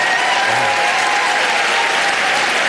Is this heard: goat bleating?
no